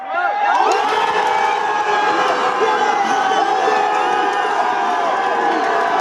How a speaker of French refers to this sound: Ce que vous entendez, c'est l'ambiance de la fan zone de Strasbourg au jardin des Deux Rives.